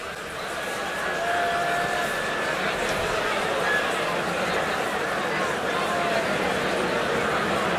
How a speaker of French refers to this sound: Et vous entendez le public de la route du rock qui siffle et qui attend.